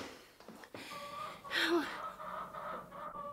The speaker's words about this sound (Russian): Ишь ты, курица.